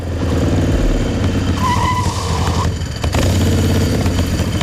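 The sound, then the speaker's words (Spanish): Chano's motorbike, ridden without ITV to La Caleta, roars loudly, its engine droning steadily, then a sharp tire squeal cuts in midway as it skids, before the engine rumble carries on. “Cuentan las malas lenguas que el Chano cogió su moto sin ITV y se plantó en la Caleta en menos de lo que canta un gallo.”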